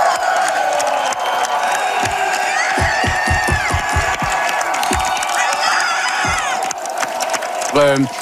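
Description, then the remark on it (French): A big crowd of Parti Québécois supporters cheers and shouts nonstop, a loud dense roar with individual voices rising above it and a scattering of sharp claps or thumps. “Et ça a beaucoup motivé les troupes du Parti québécois, comme on peut l'entendre dans cet extrait.”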